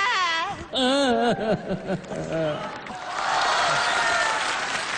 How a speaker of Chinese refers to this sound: 行了，就别鼓掌了，干嘛呀，太悲了呀。